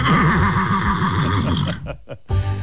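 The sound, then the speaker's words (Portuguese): A mare lets out a long, loud, quavering whinny that wavers up and down for nearly two seconds, then breaks off into brief snorts and a short burst of noise. “Falei pra você que aquela égua não volta mais, homem.”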